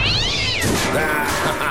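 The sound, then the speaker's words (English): A cat lets out a loud, drawn-out meow during a fireworks show in a backyard, its pitch bending up and down over under two seconds, with a harsh, crackling burst of fireworks behind it. “You know, they say cats are supposed to be scared of fireworks.”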